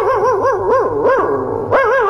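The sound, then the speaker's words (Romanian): A family's dog gives several loud yelping barks with a wavering, whiny pitch, bursts coming roughly every half second over a steady low hum, with no voices. “Păi dacă nu s-ar certa tot timpul, poate că am auzit și noi câinele lătrând.”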